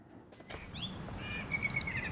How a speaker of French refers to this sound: Le soir tombe doucement sur Aubonne. On entend un merle qui siffle dans le sapin voisin.